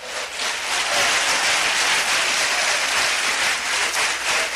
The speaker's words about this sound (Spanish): Aleluya. Indíquelo con un fuerte aplauso a Cristo esta tarde.